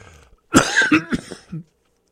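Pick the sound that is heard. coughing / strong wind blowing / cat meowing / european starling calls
coughing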